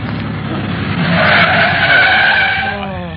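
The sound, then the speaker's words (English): A taxi races along through main traffic with a loud engine roar, then its tires screech in a long, harsh skid that fades as it comes to a halt at 167 Lausanne, with no talking over it. “My name may be Speed, but I don't like it this fast. Oh, driver, slow down. We're out in the main traffic now.”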